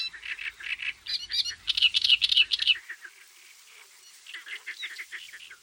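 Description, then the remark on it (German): A songbird sings loudly and continuously from swaying reed tops in the vast reed beds of a delta, marking its territory: a busy stream of harsh, chattering phrases and rapid chirps that rise and fall in bursts, with a brief lull before the song resumes. “Nur Akrobaten behalten dort die Übersicht, markieren aus schwankenden Wipfeln lautstark ihr Revier.”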